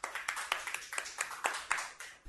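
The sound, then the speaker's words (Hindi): A group of children claps together after a poem recital, producing a quick, fairly steady run of sharp claps for about two seconds. The applause is soft overall, and no one speaks over it. “बहुत ही प्यारी कविता सुनाई आपने, बच्चों इनके लिए भी जोरदार तालियां हो जाए।”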